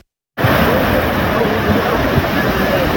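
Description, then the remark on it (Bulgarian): A swollen flood river roars close by in a dense, steady rush, with low rumbling knocks beneath the churning water; it bursts in after a brief silence and stays loud throughout. “Днес видяхме огромна река. Носеше огромни камъни, може би по един тон камъни, които нямаше как да бъдат спряни.”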